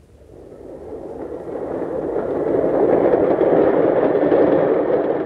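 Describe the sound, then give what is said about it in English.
A train rumbles in on the rails toward a station platform, its broad, rushing roar growing steadily louder over a few seconds before holding at a heavy drone. No voices are heard. “The train will be coming soon.”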